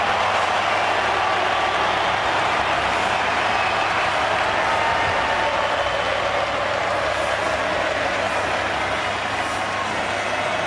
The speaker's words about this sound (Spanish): Que aparece Messi se transforma en aplauso. Impresionante.